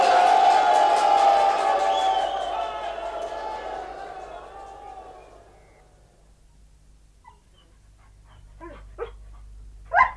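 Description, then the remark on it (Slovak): A loud, dense chorus of many dogs barking and yelping over one another, slowly fading out, followed by quiet and then a few short, sharp yelps near the end. “Čo sa moceš okolo psov?”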